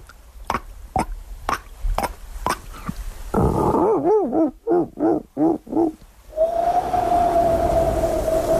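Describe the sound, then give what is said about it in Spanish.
A voice imitates a dolphin: a string of sharp clicks, then about six warbling, rising-and-falling chirps, ending in a long, steady high whistle. No words are spoken. “Mira, joder, el mar y todo, te puedo hacer un delfín.”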